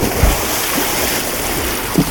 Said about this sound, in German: Das ist doch Erfrischung pur, auch wenn man es nur hört. Ach, das wäre es jetzt doch schon. So ein erfrischender Sprung ins kalte Wasser.